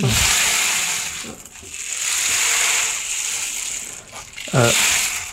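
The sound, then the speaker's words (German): A rattling percussion instrument, similar to a rainmaker but broader in sound, gives a continuous hissing wash of tiny particles, swelling and fading over several seconds, with brief voiced murmurs around the start and end. “Klingt wie ein Regenmacher, so ähnlich ist es auch.”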